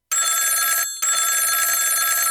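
A loud telephone bell rings in two bursts separated by a brief pause, its bright metallic trill sustained and steady, with no voices present.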